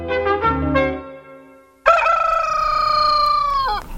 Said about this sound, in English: It was about 4 o'clock next morning. Cockerels had begun to crow.